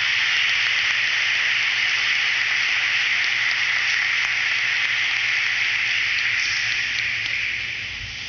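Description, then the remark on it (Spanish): Loud, dense applause from a large crowd welcoming the event's king and queen, a steady wash of clapping that holds for several seconds before easing off slightly at the end. No voices. “Recibimos a nuestros reyes con un fuerte aplauso.”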